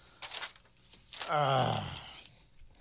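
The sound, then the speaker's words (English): Paper rustles and crinkles in a few short bursts, with a brief voiced murmur in between, as a radio host at station WMCB shuffles through sheets looking for his paper. “Where was my paper? Oh, here we go.”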